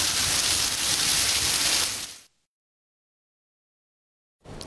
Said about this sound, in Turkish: Ankara'da gün içerisinde etkili olan sağanak yağış sonrası Samsun yolu istikametinde sel suları etkili oldu.